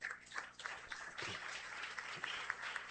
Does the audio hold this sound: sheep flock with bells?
no